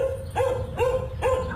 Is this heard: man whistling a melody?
no